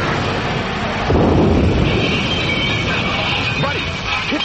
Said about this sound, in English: Crawl away from the lightning. It stopped.